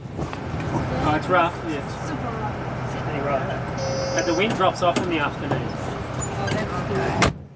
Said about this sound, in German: Wir fahren mit dem Bus über die Insel, vorbei am Industriehafen, wo Autos, Kühlschränke und andere Lieferungen vom Festland ankommen. Wir passieren den Friedhof, die Schule und einen Supermarkt.